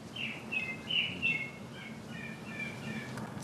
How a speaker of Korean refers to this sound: 걷던 발길 멈춰 세운 건 새소리.